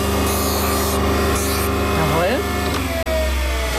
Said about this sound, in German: Das ist immer noch so ein bisschen scharfkantig. Ja. Da muss man jetzt per Hand mit dem Handschleifstein auch die Kante brechen.